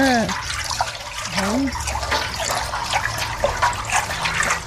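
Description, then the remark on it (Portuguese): Water sloshes and swishes as aniline dye is stirred into it for dyeing, with small splashes and drips running continuously, and a brief vocal sound near the start. “Coloca na água. Pega aqui, mexe. Pra não ficar embolado.”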